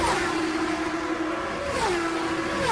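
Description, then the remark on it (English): A steady, loud engine roar with a sustained pitched whine that dips and shifts as race cars speed around a track, with Scott Goodyear leading Scott Pruitt by a few car lengths and Goodyear taking turn four, with no voices present. “we have two Firestone Shaw drivers running in first and second position at the moment”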